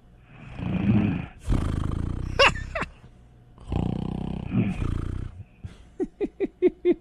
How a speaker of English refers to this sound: She's fast asleep. She's I hear a little snore. Oh, okay. It turns out she's got a little snore situation. Oh, it's getting. Is this sound effects? Is getting bigger?